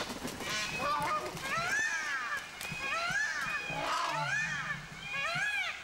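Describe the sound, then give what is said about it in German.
A flock of geese honking and cackling loudly and continuously as they spread their wings and run, overlapping harsh calls rising and falling, with a faint patter like running feet underneath. “Aber die gehen da wirklich mit Enthusiasmus, breiten sie die Flügel aus und fangen ans Rennen an und schnattern ganz laut und führen sich auf.”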